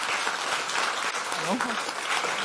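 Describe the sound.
Steady applause from an audience, a dense wash of clapping that holds at an even level throughout, with a brief voice rising faintly beneath it midway.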